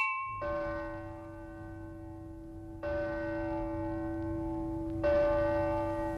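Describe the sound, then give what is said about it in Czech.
A church bell strikes midnight, tolling three slow, heavy strikes about two seconds apart, each leaving a long, shimmering ring of overtones that carries into the next, over a low steady rumble. “Už je tady. Ani jsme ji tak brzo nečekali. Půlnoc.”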